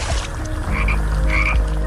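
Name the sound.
frog croaking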